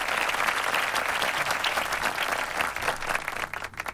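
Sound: applause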